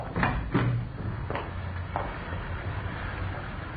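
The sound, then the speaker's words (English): A side door is opened and shut, with a few short clicks and knocks from the latch and a soft thump, over a low, steady rumble of background noise. “You can go out the side door, then.”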